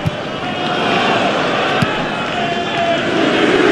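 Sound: stadium crowd booing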